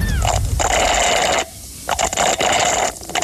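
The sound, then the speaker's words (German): A slightly thick, frothy iced coffee slurped through a straw in three long, bubbly, gurgling pulls with a steady whistling tone, separated by short pauses. No voices. “Du schlurfst mit einem Röhrle.”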